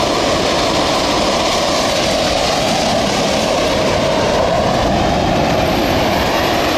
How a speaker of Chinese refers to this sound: 我们现在在画面中看到的是正在倒塌的二号锅炉。那从外面看到这个震撼的景象呢，可能会以为是在实施爆破拆除，但实际上今天进行的是机械物理拆除。